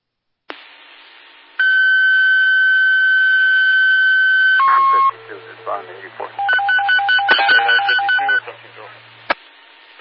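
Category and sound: signal or alarm, fire dispatch paging tones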